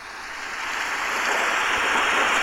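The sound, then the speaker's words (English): A rain-and-thunder sound effect at the start of a song, played through a microphone: a dense, steady hiss of rainfall that swells gradually louder over a couple of seconds, with no clear thunder crack standing out and no voices. “That's a rain and thunder effect, first of all.”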